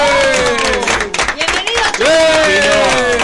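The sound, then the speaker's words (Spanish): Studio applause on Radio Continental's morning show, welcoming 1986 world champion Chino Tapia: a dense, steady wash of clapping with raised voices and cheers rising over it, staying loud throughout. “La aplauso.”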